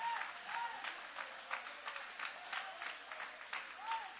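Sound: audience applauding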